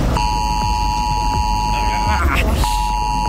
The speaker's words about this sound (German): Der Warnton soll auf den meisten Handys ankommen, auch wenn sie auf lautlos sind. Heute um 11 Uhr wird das getestet am deutschlandweiten Warntag.